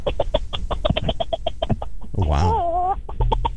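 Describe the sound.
A person imitates a bantam rooster calling in the hens: a quick, steady run of clucks, a brief rising-and-falling warble in the middle, then more clucking. A single short exclamation is heard.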